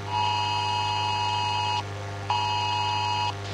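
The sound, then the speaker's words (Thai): A phone emergency alert warning of continuous heavy rain in southern Thailand blares a loud, steady two-tone beeping, sounding twice in long bursts of about 1.7 and 1 seconds with a short gap between, over a constant low hum. “ป้าครับโป้แจ้งเตือนแล้วก็บอกว่าฝนตกหนักต่อเนื่องในพื้นที่ภาคใต้ให้เตรียมพร้อมรับมือตกกระไพน้ำท่วมฉับพลันแต่น้ำป้าไหลหลาก”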